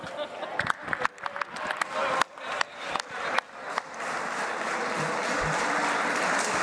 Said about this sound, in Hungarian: Önöket is, azokat is, akik most felállva tapsikolnak.